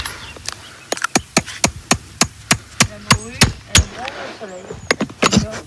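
Sharp metallic hammer taps drive horseshoe nails into a horse's hoof to fix an iron shoe. The nails are to be bent over into rivets that hold the shoe. A quick uneven series of about fifteen blows, some in fast pairs, with faint voices murmuring in the background.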